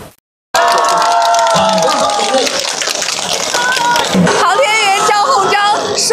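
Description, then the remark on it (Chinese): A crowd in Wangjing Village, Linchi Town, Zouping, Shandong, breaks into sustained, loud applause after a brief silence as villagers welcome astronaut Zhang Hongzhang home and he waves to the camera in his spacesuit. Excited shouts and cheering voices rise over the dense clapping throughout. “刚才他身着航天服对着镜头挥手致意的时候，全场爆发出了热烈的掌声。”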